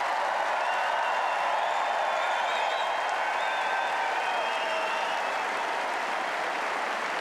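A large Centre Court tennis crowd gives a standing ovation as player Ferry leaves the court after his match against Zverev, applauding steadily and loudly, a dense sustained roar of clapping with faint cheers and whistles rising above it throughout.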